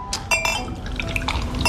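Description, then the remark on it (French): A fizzy drink is poured into a glass, with liquid splashing, bubbles crackling and faint glassy clinks throughout a short, steady stream, moderately loud. “Des bulles pour les globules, ma chérie.”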